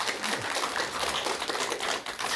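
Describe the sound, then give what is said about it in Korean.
An audience claps steadily after an audience member's question at a talk, a dense, crackling wash of many hands with no pauses and no voices on top. “여러분 박수 부탁드릴게요.”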